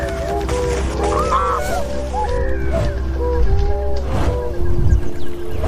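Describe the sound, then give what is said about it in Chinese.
A flock of tundra swans honks continuously at Ulansuhai Lake in China, a migration stopover on their way to Siberia, overlapping calls rising and falling over a steady low rumble, fairly loud with no pauses. “短暂休整及补充营养后，小天鹅便会继续飞往西伯利亚。”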